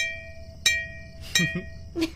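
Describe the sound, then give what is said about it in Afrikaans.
The brass bell of Betty, a classic old working fire engine with chrome handles, is struck about four times at uneven intervals, each clang leaving a bright, sustained metallic ring with high overtones over a low, steady rumble. “Kroom hartvatsels en speelkies en 'n geelkoper klok.”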